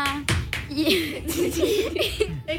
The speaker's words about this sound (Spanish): Un aplauso para ella, pues.